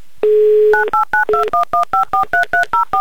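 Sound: telephone number being dialed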